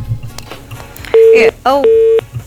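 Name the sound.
telephone busy tone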